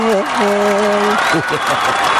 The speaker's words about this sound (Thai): ขอเสียงนะครับปรบมือต้อนรับ